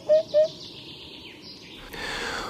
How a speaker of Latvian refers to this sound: Un pupuķis ir smuks putns. Un viņam ir koši, melnbalti, svītroti, spārni un aste. Un toreizēm var redzēt arī lidojumā, jo viņam plati spārni, un tad var redzēt melnbalts ņirbu, un tad tur aizlido pupuķis.